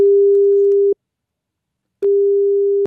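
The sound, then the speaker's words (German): A telephone ringback tone on an outgoing call: a steady mid-pitched electronic beep lasting about a second, a pause of similar length, then it sounds again. Clear, with no voices. “Und gestern hat er wieder angerufen”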